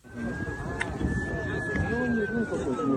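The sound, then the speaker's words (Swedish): Emergency vehicle sirens wail steadily, the tone slowly sliding lower, over indistinct voices and street noise at night in central Moscow, among flashing emergency vehicles, debris and glass after a drone struck a luxury high-rise. “Chockade människor vandrar förbi bråte och glas i mörkret bland blinkande utryckningsfordon.”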